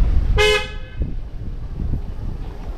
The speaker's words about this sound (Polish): Trąbią samochody.